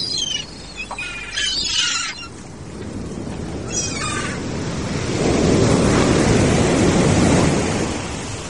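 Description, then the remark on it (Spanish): Big waves crash onto the north beach on the Atlantic Ocean in a steady, rushing roar that swells louder in the second half, with a few brief high-pitched chirps cutting through early on. “El sonido de las olas gigantes rompiendo en la playa del norte.”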